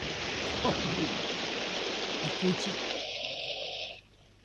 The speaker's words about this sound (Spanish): ¿qué pasa ahí con el caño de agua que está chorreando tanta agua?